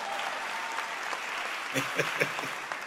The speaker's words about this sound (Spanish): Dense un aplauso ustedes.